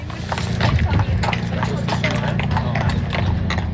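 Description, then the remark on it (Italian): Horse hooves clop steadily on a paved street in a quick, regular rhythm, fairly loud, with a continuous low hum and indistinct voices in the background, near the station of Pontresina in the Engadine, where horses and carriages come and go constantly. “Nella zona della stazione di Pontresina il via vai di cavalli è costante e all'imbocco della strada per la Val Roseč abbiamo incontrato diverse persone in attesa delle carrozze.”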